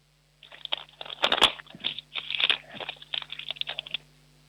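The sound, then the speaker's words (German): A sheet of paper is torn apart as a noise for the Minidisco children's show in a series of ragged, crackly rips, with a couple of louder tearing bursts in the middle, lasting about four seconds with no talking. “Oh, jetzt will ich noch einen Zettel zerreißen.”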